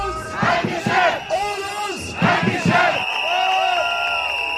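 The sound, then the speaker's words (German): A crowd of striking workers at a Verdi union warning strike for higher pay in Kassel and Frankfurt, Hesse, chants together in loud, rhythmic bursts of shouting. A steady whistle-like tone runs through it, with a brief lull before the chanting swells again. “Es wurde nämlich heute auch gestreikt. In Kassel und in Frankfurt, da klang das zum Beispiel so.”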